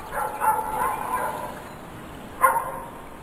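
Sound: puppy barking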